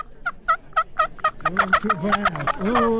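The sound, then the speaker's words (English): A wild turkey gobble, in Vermont: a quick run of sharp, clipped notes that breaks into a loud, rattling, rolling burst, with no one talking. “That's what you do when you want to gobble”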